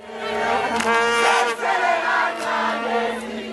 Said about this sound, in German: Jetzt also dieser 2:1 Triumph gegen Südkorea. Und auf einmal ist der Jubel in der Heimat ganz groß, hört Stefan Überbach.